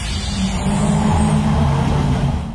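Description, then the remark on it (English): A ute (truck) engine revs loudly, a deep rumbling roar that holds steady for a couple of seconds with no one talking. “Nice truck you got.”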